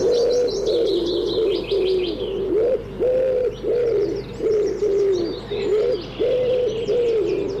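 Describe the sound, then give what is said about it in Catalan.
A common wood pigeon (Columba palumbus) coos repeatedly in a steady, rhythmic series of soft, hooting phrases, clear, with faint chirping of small birds in the background. “Tudom, Columba palumbus. Un dels ocells més identificables que viu tot l'any als boscos i camps.”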